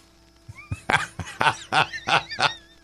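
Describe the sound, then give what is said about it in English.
Rescued chickens squawking loudly, a quick run of about six harsh, honking calls in an uneven rhythm, with no voices over them. “And the chickens go, bark!”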